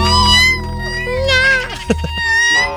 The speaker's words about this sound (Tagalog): Sumagot yung pusa.